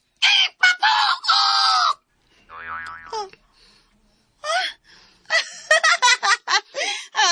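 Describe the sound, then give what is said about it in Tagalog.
A person imitates a chicken's clucking, with a quick series of short, strained, squawky vocal bursts, then a brief wobbling sound and another loud run of choppy clucks. “Oh, manok. Tingog manok.”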